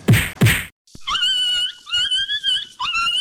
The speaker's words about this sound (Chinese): 哎呦，你这是要把狗打死哦？ 阿嬷，这是在虐待动物耶